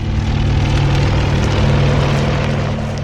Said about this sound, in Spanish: Como un proyectil, el helicóptero inicia un nuevo descenso.